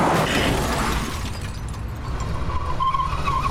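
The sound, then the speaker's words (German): A car rams into a Lincoln: a loud burst of impact and shattering debris, followed by sustained engine rumble and a rising tire squeal as the ramming car simply drives on. “Er hat den Lincoln voll gerammt!”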